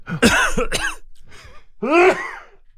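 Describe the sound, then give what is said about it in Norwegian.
A burst of harsh coughs followed by throat clearing, fairly loud, with a final rough cough after a short pause. No one speaks. “Nei, ikke på hosting.”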